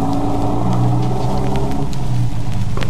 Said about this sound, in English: The truck pulled away.